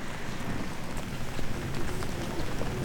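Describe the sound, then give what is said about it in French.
Steady, soft hiss of light Normandy rain with faint scattered drop taps at the Château de Caen in Caen, as someone enters the fortified enclosure; a continuous wash of outdoor noise and no voices, with a low rumble of wind or traffic underneath. “Et donc, on va pénétrer sous cette petite pluie normande dans l'enceinte fortifiée.”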